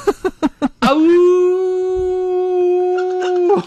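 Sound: howl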